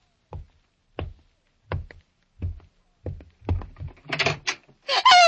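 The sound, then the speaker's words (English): A door opens as someone enters: a steady series of heavy, evenly spaced thuds speeds up, then gives way to a harsh rattling, scraping burst at the end. No one speaks. “Somebody's coming in, Rogie. Better get behind the door where the killer hid when you stuck your skinny neck in here.”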